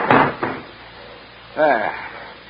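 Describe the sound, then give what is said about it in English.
A train compartment door on a train in France is pulled shut with a solid clunk and a smaller knock just after, followed by a brief murmur of a voice. “I'll just sling it up on the rack. There we go. And shut the door.”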